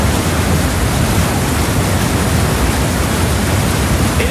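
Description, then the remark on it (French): A loud, steady rush of a lot of flowing water, like a big tap opened wide or a torrent, roaring continuously with no pauses or voices. “C'est de l'eau! Alors, on a ouvert, c'est un gros robinet.”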